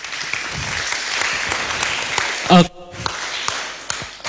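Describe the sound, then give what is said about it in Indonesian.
An audience at an LPP RRI Singaraja radio talk show applauds with dense, steady clapping. Midway a brief vocal cheer cuts through, followed by a momentary lull before the clapping picks up again. “Boleh tepuk tangan teman-teman.”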